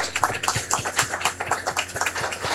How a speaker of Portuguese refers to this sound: A todos nossa gratidão, a todos o nosso acolhimento, a todos a nossa manifestação de carinho e de amor com uma calorosa salva de palmas.